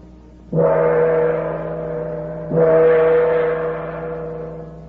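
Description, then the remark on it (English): A huge gong outside a door that appears to be made of solid gold is struck twice with an officer's sword, about two seconds apart. Each hit blooms into a deep, shimmering metallic roar that hums on and slowly fades, with no voices. “Outside this door was a huge gong. The officer drew his sword and struck the gong.”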